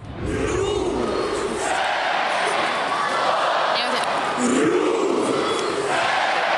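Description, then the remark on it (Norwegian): A large crowd of Rosenborg home football fans chants the team name "Rosenborg" in unison, split into three syllables, loud and continuous, with the rhythmic chant rising and repeating over a dense roar of voices. “Ja, hjemmefansen til Rosenborg, de har nemlig et helt spesielt heierop.”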